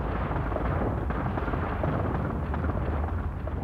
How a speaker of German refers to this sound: Da oben hinter den Wolken fing es plötzlich an zu donnern. Man dachte erst Gewitter, war aber nicht, sondern das war Steinschlag. In großer Masse sind die Steine da oben raus.